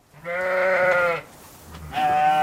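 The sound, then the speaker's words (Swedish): Sheep and lambs bleat loudly in a pasture in Sweden, one long wavering call followed by a pause and another bleat starting, with a faint outdoor background between. “I helgen släpps många får och lamm ut i hagarna,”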